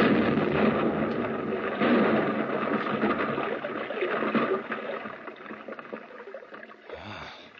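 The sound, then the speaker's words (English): A blasting charge, fired by a wired exploder, explodes in a tunnel: a deep, roaring blast rumbles and reverberates for several seconds, a broad wash of noise that slowly fades, with a brief low thud near the end and no voices. “The two men disappeared up the gallery, and I was left alone to explode the charge. I connected the wires, moved the exploder as far as it would stretch into the tunnel, and then I pressed the handle.”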